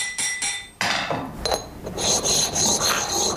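Metal filing: a few short rasping strokes give way to steady, bright rubbing with a faint ringing edge as the sides of a hand-forged metal piece are filed and polished. No one speaks.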